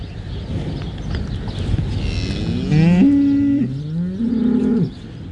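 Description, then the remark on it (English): Dairy cows in a farm's herd home barn, built in 2017, before calving, let out two long, low moos in quick succession, each rising and then holding steady, over a steady bed of rustling and shuffling livestock noise. “paid a visit to the farm's herd home before calving to see how the barn is helping keep the water clear while providing for better animal welfare too.”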